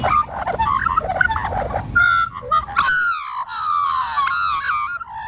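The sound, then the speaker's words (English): Rich, loud warbling birdsong from magpies, a flowing mix of fluty whistles and gurgling trills with overlapping voices, rising into clearer sustained carols in the second half. No talking. “When I hear that sound, I think of being out in the bush somewhere, you know, lying back on the grass, blue sky, warm weather, warbling magpies.”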